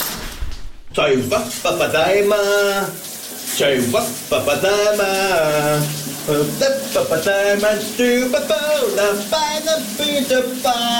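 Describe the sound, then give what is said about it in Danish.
A voice sings a wavering, melodic tune of a hit song over the steady, loud hiss of a running shower during a morning radio segment, the spray continuing without pause beneath the singing from start to finish. “Her er dagens brusebadshit.”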